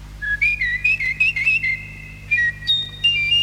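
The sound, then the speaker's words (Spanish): Whistled nightingale song in an emperor's palace, from a perch before the throne: bright, high warbling notes in short repeated phrases that step up and down in pitch, then longer held tones near the end, heard alone over a low steady hum. “Deja oír tus trinos. Canta.”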